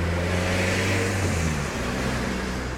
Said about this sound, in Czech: A potom projelo auto.